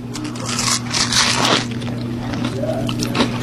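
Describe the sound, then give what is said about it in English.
Moist, squishy chewing and crunchy bites into a fried butter tart with a crusty outside and a caramel filling, with soft crackles and scrapes over a steady low hum, no talking. “I'm just going to take one more little bite, just to see, just so I can get more of the inside.”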